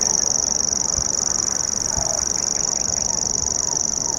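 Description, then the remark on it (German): A grasshopper warbler reels without a break during the first hours of a hike, a high, dry, insect-like trill held steady throughout. A couple of soft low thumps and a faint murmur sit underneath. “Dieses Geräusch hier prägte die ersten Stunden unserer Wanderschaft, denn der Feldschwirr, Schwirr, ne, Nomen est Omen, das schwirrt wirklich so vor sich hin, gehört zu einer kleinen Familie äußerlich recht unscheinbarer Vögel,”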